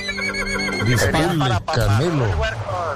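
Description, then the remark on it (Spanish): A loud horse neigh sound effect marks a second vote, a drawn-out whinny with wavering pitch that rises and falls over a few seconds, with a steady hum of background noise underneath. “Sí, segundo voto, segundo caballo.”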